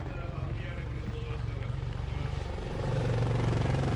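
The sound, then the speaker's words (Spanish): A helicopter performing an aerobatic display overhead, making 270-degree turns in a very small space; its rotor throbs in a steady, rapid low chop, heavy, with the engine rumble swelling a little louder toward the end. “Eso tiene mucho mérito hacerlo como helicóptero.”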